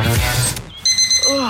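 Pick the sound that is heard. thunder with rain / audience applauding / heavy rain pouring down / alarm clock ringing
alarm clock ringing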